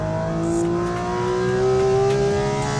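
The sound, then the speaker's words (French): A Porsche Cayman sports car engine revs steadily and loudly on a circuit at Trappes, heard from inside the car, its tone rising gradually as it accelerates, with a strong harmonic whine and deep rumble throughout, no voices. “D'ailleurs, ça fait plus de bruit que le GT3. Ah, de l'intérieur, c'est indéniable.”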